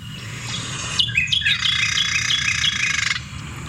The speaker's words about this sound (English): I'll play the Carolina Wren because... I don't know, you associate that one with kind of, I feel like some morning kind of sound you might hear. Like it does sound very morning.